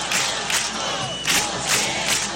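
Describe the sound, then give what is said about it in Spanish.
A large protest crowd at a tenants' union assembly in the Puerta del Sol, Madrid, chants slogans in loud unison, voices rising in steady rhythmic bursts roughly twice a second over a constant roar of people. “Además del no nos vamos, nos quedamos, en la asamblea organizada en la Puerta del Sol se escucharon recurrentemente dos palabras.”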